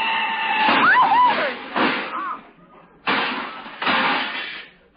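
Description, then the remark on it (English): A car crash, a big black touring car hitting another car: a brief squeal of tires gives way to a loud, rattling crunch of metal as fenders are knocked off, then after a short pause a second heavy crunch that fades out. “Walter, look out! That car! What car? That big black touring car!”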